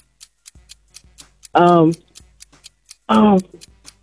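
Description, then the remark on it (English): A game-show clock timer ticks steadily, with crisp, evenly spaced clicks roughly four per second throughout, interrupted twice by short, loud bursts of a voice speaking over the ticking. “All right, start the clock.”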